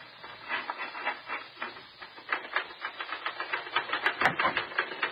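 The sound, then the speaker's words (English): A man writes a story on a typewriter, which clatters in a fast, steady run of keystrokes, with a brief sharper strike near the end and no voices. “sit down at that typewriter and write an honest story for change.”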